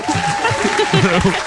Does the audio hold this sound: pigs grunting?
no